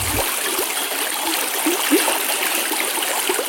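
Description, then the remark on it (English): Mineral spring water flows at a spa park at Brusno Spa in a steady, continuous rush, with faint trickling and gurgling detail over a broad hiss and no voices. “The water from each spring tastes slightly different depending on its mineral composition”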